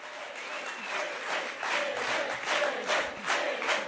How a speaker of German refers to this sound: Auf einem Parteitag gestern, da haben sich die Delegierten auch schon entschieden, welche Partner das sein sollen. Aber vorher gab es nochmal Jubel über das eigene Wahlergebnis.